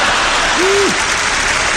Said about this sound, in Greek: Μου μένουν ακόμα 2 λεπτά περίπου από τον προκαθορισμένο χρόνο του προγράμματός μου και συνήθως τον χρόνο αυτό τον αφήνω στο κοινό για χειροκρότημα.